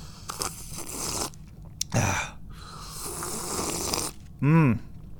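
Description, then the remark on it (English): Slurping sips of a cool switchel drink watered down by melted ice cubes, a few noisy pulls and a quick gulp, ending with a short voiced sigh of satisfaction; no talking. “And another thing I need to do is take a nice cool sip of this switchel that I've been drinking.”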